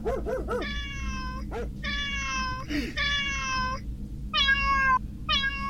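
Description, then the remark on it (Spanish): A cat meows repeatedly: a few quick cries, then several long, drawn-out, strained meows that sound almost squeaky, over a steady low background rumble. “Es un gato.”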